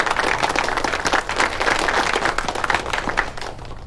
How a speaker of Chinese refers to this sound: 哎，大家鼓掌，祝贺陈专员荣升。